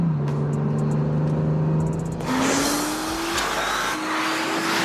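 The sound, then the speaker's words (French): A 581-horsepower NSX hybrid supercar drives past with a steady low engine hum, then surges into a louder, rushing roar whose whine climbs in pitch, dips at a gear change and rises again. No one speaks. “La NSX est une voiture à part dans le monde des supercars.”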